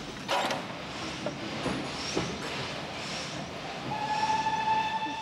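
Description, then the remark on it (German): A museum train rolls past a level crossing with a barrier system in Grammont, a steady rumble broken by metallic creaks and clanks, then a sustained high tone at the end. No one speaks. “Zeit für uns, den Museumsloks Vorfahrt zu geben.”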